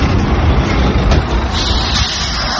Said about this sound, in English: My PTSD is sent into overdrive when a car carrying trailer drives past.